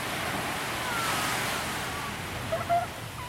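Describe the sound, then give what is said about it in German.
A steady, broad wash of surf rolls on continuously as waves break along the longest beach of the Amalfi Coast in warm sun, with a slight swell near the end and a few faint high chirps over it. “Ich setze mich an den längsten Strand der ganzen Amalfiküste und halte mein Gesicht in die warme Sonne.”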